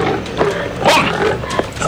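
A pig grunts and snorts several times in rough, noisy bursts, loud, with short pauses between them and no talking over the sounds.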